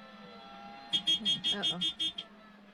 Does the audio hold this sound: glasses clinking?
no